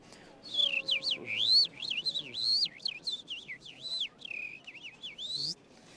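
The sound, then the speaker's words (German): A person whistles a lively, warbling imitation of a lark's song, modulating the whistle: a rapid, continuous run of rising and falling trills and chirps, fairly loud, lasting about five seconds with no talking. “Das klang so ähnlich wie eine Lerche”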